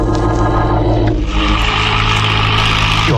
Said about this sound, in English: drove over to Rembrandt's place, rustled him into my car, and we took off